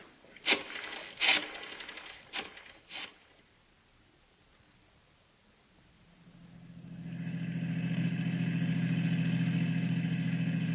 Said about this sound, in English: Want me to stay in the car? That's right. Keep the engine running.